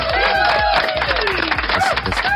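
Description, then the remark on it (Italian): An applause sound effect on the radio show International Party: a dense, steady burst of applause from a large crowd, loud and continuous, with cheers and whistles rising over the clapping and a faint rhythmic thump underneath. “Un applauso.”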